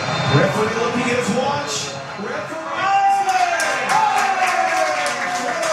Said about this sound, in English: Amid that, the final whistle and its cheers from the French fans, not so much for the Taiwanese supporters of Paraguay.